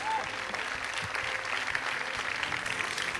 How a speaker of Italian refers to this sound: Buonasera e benvenuto. Si prenda gli applausi del pubblico, meritati per questo premio.